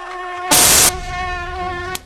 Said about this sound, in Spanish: Hay muchos zancudos. Sí, y hay uno que cuando te pica te puede dar malaria.